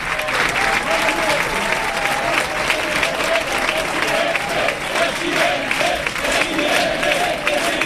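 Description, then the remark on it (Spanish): Sustained applause from a large crowd at an end-of-campaign event, dense and steady for the whole stretch, with a faint murmur of voices and scattered cheers mixed into the clapping, greeting the winner Florentino Pérez before his speech to Real Madrid members. “Pues nos vamos al ganador, nos vamos con Florentino Pérez. Chitu, mira qué aplauso.”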